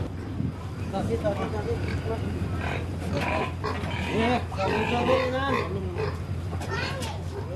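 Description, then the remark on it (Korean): A pig that looks to weigh over 100 kg, being loaded for delivery to be sold to a slaughterhouse, grunts and lets out repeated high, wavering squeals, loud, over a steady low engine-like hum that runs throughout. “돼지 주인은 오늘 이 돼지를 도살장에 팔기로 했다.”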